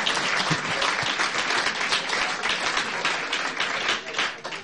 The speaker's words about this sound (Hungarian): Hogy egy tapsot megérdemel?